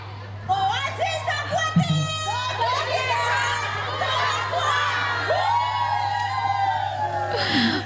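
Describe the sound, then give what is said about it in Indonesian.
A group of women of various ages shouts and cheers excitedly in a swimming pool, overlapping whoops and yells rising and falling for several seconds over a steady low hum. “Ah, kita juga pengen denger nih teriakannya founder Oasis Aquatic ya saat berada di dalam kolam renang.”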